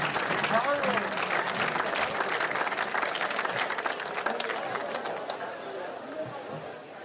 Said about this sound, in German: Applaus, Applaus! Viel Spaß!